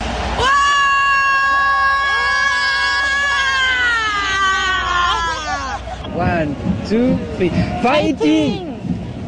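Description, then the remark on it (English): An excited football fan supporting South Korea screams loudly in Seoul, holding one long, high-pitched wail for about five seconds before breaking into a burst of shorter, rising shouts. “That was … screaming”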